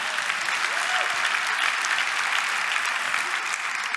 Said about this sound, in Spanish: Dale aplauso al Señor.